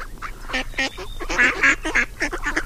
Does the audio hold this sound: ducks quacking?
yes